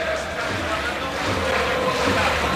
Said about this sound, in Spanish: Bueno, ataca el Barça cuando empieza de nuevo a arreciar la lluvia. Y la gente se va para arriba. ¿Sí? La gente se pone porque, claro, el Spotify Camp Nou está totalmente descubierto.